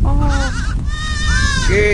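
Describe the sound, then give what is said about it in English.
A newborn auburn goat kid, lifted from the ground and held to a man's chest, bleats loudly, several wavering, high-pitched cries following one another over steady low background noise. “He presses the goat's face to his own, giving its ears sweet kisses.”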